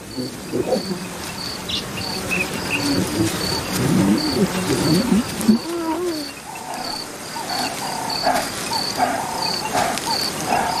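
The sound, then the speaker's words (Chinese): Repeated harsh alarm calls of a painted francolin sound in short bursts over a steady, high chorus of crickets, with a rustling, murmuring background in the first half. “在彩鹧鸪的警报声中，一些狮子幼崽迅速藏了起来。”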